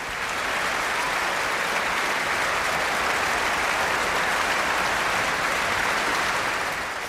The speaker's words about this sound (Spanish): Y los aplausos seguían en el Concertgebouw de Ámsterdam el pasado 1 de julio.